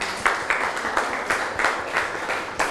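A group of students clapping steadily for a classmate, a dense patter of many hands with regular swells roughly every half second, moderately loud, with no talking.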